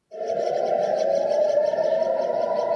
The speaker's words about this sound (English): Warning sirens ring out across the holy city